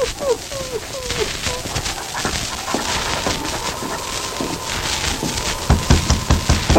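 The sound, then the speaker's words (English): A Mountie's dog gives a few quick, yelping barks right at the start outside a small house in town at night, then they fade into a steady wash of outdoor noise with some thudding near the end. “Silly, King. Quiet, boy.”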